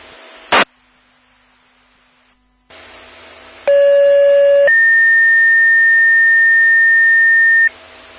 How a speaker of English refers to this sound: Clear on all units, may disregard burnt food. Stand by for disregard tones.